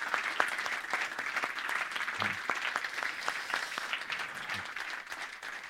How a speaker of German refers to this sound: Es braucht immer so viele Menschen, damit so ein Abend stattfinden kann, die man hier nicht sieht. Bitte großer Applaus an die Leute, die nicht hier vorne stehen.